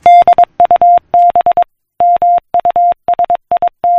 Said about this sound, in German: So tönt es, wenn Menschen von der einen Seite des Planeten eine Morsecode-verschlüsselte Nachricht via Telegraph auf die andere Seite des Planeten übermittelten.